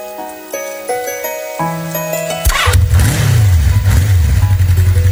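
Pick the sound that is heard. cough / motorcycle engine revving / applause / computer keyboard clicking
motorcycle engine revving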